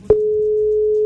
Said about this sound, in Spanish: ¿Está sonando? Empieza a sonar un número de teléfono.